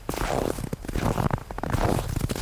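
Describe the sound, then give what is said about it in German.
A person walking in snow, the snow crunching under their shoes: three slow, drawn-out crunchy steps in a steady rhythm, fairly loud and with no voices. “Er geht im Schnee. Der Schnee knirscht unter seinen Schuhen.”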